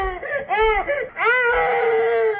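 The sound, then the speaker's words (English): A baby wails in loud, high-pitched bursts, several rising-and-falling cries in a row, ending in one long sustained scream with no talking. “These are the worst sound, the baby crying.”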